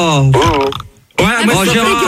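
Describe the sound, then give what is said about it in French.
A man lets out a loud belch with a low guttural rumble, then after a short pause a voiced, talk-like sound follows. “mais ton homme il vient de roter aussi à l'instant.”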